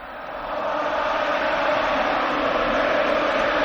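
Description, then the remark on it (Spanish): A stadium crowd cheers and applauds as former players from a Champions League run 20 years ago are announced, Joaquín applauding in the stands; a dense, continuous roar that swells during the first half second and then holds steady and loud, with no individual voices standing out. “Y Joaquín, Joaquín, que está en la grada aplaudiendo, muy emocionado, así suena.”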